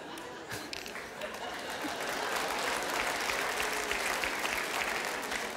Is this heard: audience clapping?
yes